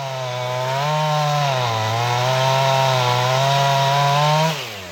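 A chainsaw runs steadily at a loud, buzzing pitch, its engine note rising slightly under load as it clears fallen branches from an oak by an old barn on Karklö, an island in the Stockholm archipelago, then dropping off near the end.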